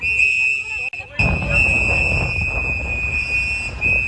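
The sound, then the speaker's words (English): Activists blow several shrill whistles continuously and loudly over a noisy outdoor crowd as masked ICE agents put a handcuffed man into a black SUV in New Bedford, with muffled shouting voices telling the man not to talk to the officers and rumbling street noise underneath. “The sound from activists blowing whistles and telling the handcuffed man not to talk to the officers.”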